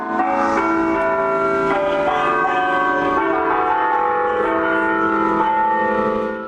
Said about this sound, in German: Über 80 Glocken hat der Antoni Gaudí geplant. Ihr Glockenspiel sollen mit dem Wind über die ganze Stadt wehen.